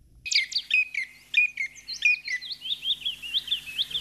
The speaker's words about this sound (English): But by whatever name and whatever habits, the chipping sparrow will always be to me, and I'm sorry, I can't be objective here, a friendly bird.